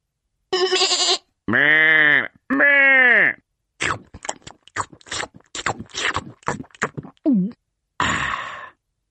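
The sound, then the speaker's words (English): Two long, wavering sheep bleats, followed by a quick series of short crunchy bursts, a brief low call, and a final breathy noise. “When the cat has gone to sleep, I nibble grass like a hungry sheep.”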